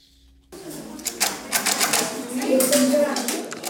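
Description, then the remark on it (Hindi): A Perkins Brailler being typed on by two grade 6 students at the Trust Fund School for the Blind, with a quick, uneven run of sharp mechanical clacks and thumps from its keys, while faint voices murmur underneath. “उन्हें पिछले साल जीती गई एक ब्राइल प्रतियोगिता के पुरस्कार के रूप में एक एक पर्किंस ब्रेल मशीन दी गई है।”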